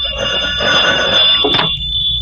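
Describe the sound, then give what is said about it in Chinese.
A telephone bell rings continuously, a shrill sustained trill with a brief clatter near the middle, with no talking over it. “喂，哪里？哦，一个人电话。”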